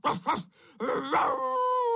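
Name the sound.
dog barking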